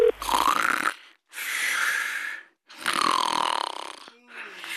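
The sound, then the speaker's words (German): Loud, rasping snores from someone who has fallen asleep during a phone call repeat three times in a slow rhythm, each a long rough breath with short silent pauses between, ending on a fainter fourth snore. “Du bist doch schon wieder beim Telefonieren eingeschlafen.”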